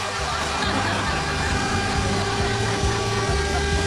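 A sugar cane train passes along a cane railway line with a loud, steady diesel drone, low throbbing engine tones shifting in pitch, and a constant broad hiss over the whole stretch, with no clear talking.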